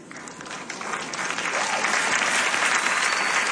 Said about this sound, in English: Thank you for those who clap. I thought that was a good title.